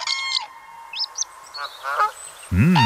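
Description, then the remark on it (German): Common crane calls: a series of harsh, trumpeting honks with some higher chirping notes, ending in a loud, rolling bugle call, with no talking. “Da entscheiden Sie sich zum Beispiel zwischen dem Kolkraben, ja, der Wasseramsel, na, so, oder auch dem Kranich.”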